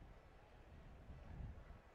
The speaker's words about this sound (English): The wind picking up a bit here. It's a strong gust right into really the batter's faces right now.